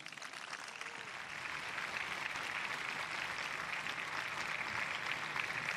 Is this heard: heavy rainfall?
no